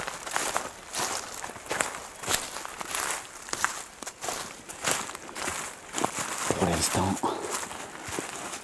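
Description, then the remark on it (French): Steady footsteps crunch and crackle along a trail covered with a thick layer of dry dead leaves, about 7–8 °C in the shade, each step a brittle rustling burst, with a brief murmur of a voice partway through. “Donc, là, nous marchons sur une piste qui est recouverte de beaucoup de lamas de feuilles mortes, ce qui donne au son ce genre de petit crépitement.”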